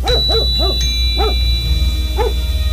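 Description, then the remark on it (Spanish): A dog barks five times, three quick barks in a row followed by two more spaced apart, clear over a steady low hum. “Aquí en Venezuela hay que entrenar a esos perros. ¿Qué nos pasó, pues? Gracias, Tsunami.”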